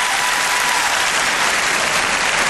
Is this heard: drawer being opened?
no